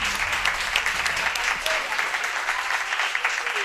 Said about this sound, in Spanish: Bueno, que se note el ambiente festivo. A ver, un aplauso de todos los asistentes.